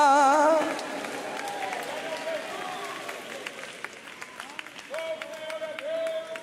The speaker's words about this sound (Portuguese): Se você crê nisso, levanta a mão, chacoalhe ela e dê um grito de glória.